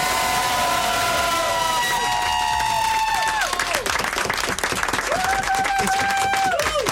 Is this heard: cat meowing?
no